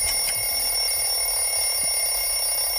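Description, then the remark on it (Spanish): A quiz-game stopwatch timer alarm rings at the end of the countdown like an alarm clock, a steady high-pitched electronic tone with bright harmonics holding for the whole stretch, loud with no speech. “Vale, ha sonado el final del cronómetro, que suena como un despertador.”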